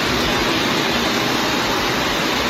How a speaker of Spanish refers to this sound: Así sonaba la riada de agua que corría desde la calle Jesús de Monasterio hacia la plaza del Ayuntamiento de la capital de Cantabria.